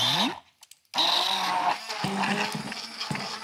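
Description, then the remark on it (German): A kitchen blender mixing strawberries with a splash of lemon juice whirs loudly, cutting out for a brief moment before roaring back and running steadily with a rough, grinding motor drone. “Und dann kommt natürlich unser Mixer zum Einsatz. Jetzt muss ich mal ganz kurz laut werden.”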